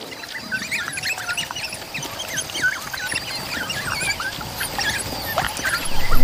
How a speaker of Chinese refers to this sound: 为了不让幼崽饿肚子，群体中的成年个体只能让出自己的食物。幼崽不停地缠着捕猎归来的非洲野犬讨食，直到得到他们想要的食物。